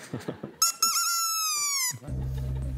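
A seagull horn toy, held right at a listener's ear, lets out one long, loud, nasal squawking honk that sags slightly in pitch, after a few short clicks and followed by a low steady hum.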